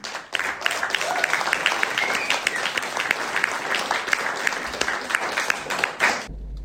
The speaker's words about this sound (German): Also an dieser Stelle, Stockkit ist nicht da. Noch mehr Applaus auch für ihn.